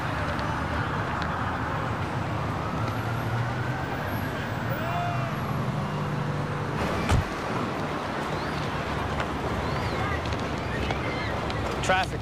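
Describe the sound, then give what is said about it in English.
A steady, dense roar of road traffic at the Lincoln Tunnel runs throughout, with faint wavering tones like sirens or horns drifting over it and a couple of sharp thumps. “Traffic. Lincoln Tunnel's a fucking shit show.”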